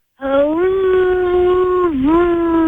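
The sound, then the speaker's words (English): A voice imitates howling wind with one long, loud, sustained wail that holds steady, dips briefly near the end, then rises again, with no other sounds around it. “Okay, it was a rainy morning in June, and even though it was summer, the wind was howling outside the window.”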